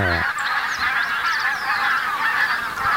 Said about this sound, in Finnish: Valkoposkia. Siinä on valkoposkihanhia ja tunrahanhia. Mm. Eikä voi sanoa, että on ihan vähän, kun siinä vähän toista tuhatta niitä.